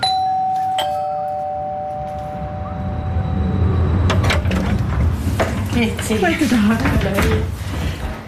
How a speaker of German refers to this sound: Die Geschäftsleiterin Saskia Löy macht Türen auf zu einer Wohnung